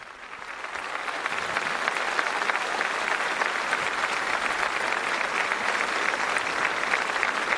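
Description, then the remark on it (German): Thunderous applause from a large crowd at a papal Mass at the port of Santa Cruz de Tenerife, a dense, steady wash of clapping that builds in the first second and holds loud and even, with cheers of "viva" for the Pope mixed into the roar. “Aber zuvor die Jubelrufe des Volkes. Es lebe der Papst, viva, viva! Und tosender Applaus.”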